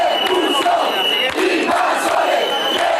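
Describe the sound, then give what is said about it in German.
A loud crowd of demonstrators at the entrance to a beach shouting angrily together against migrants, chanting "Deport the invaders" while police hold them back; overlapping voices form a continuous, dense roar with rhythmic chanted bursts. “Schiebt die Invasoren ab, rufen die Demonstranten, versuchen einen Wagen des Roten Kreuzes mit Wasser und Lebensmitteln an der Einfahrt Richtung Strand zu hindern.”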